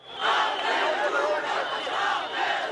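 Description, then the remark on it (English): Thousands of protesters in Tirana, Albania, shout and chant against a planned luxury resort deal involving Ivanka Trump and Jared Kushner, the Flamingo Revolution, with plastic flamingos held above the crowd. A dense, loud roar of many voices swelling and dipping in a loose rhythm. “Plastic replicas of the pink birds bobbed above the crowds in Tirana, Albania this week as thousands protested a resort deal they say has moved ahead with little transparency.”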